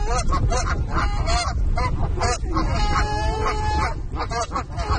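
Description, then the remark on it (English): Several geese honk loudly and repeatedly, their harsh calls overlapping in a noisy, continuous chorus with no pauses. “We also, you know, the actual act of feeding them will actually habituate them to people, which isn't always a good idea because not everybody really appreciates having a goose coming up close to them.”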